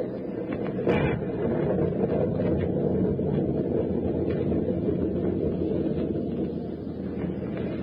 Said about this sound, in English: Well, the storm seems to be subsiding somewhat, sir. It may be just a temporary lull, but in case it's a real break, we're going to take advantage of it.